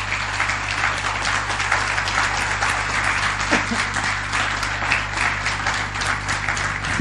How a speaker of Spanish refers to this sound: ¿Cuántos dicen amén a eso? Ahora, denle un aplauso al Señor, ¿sí?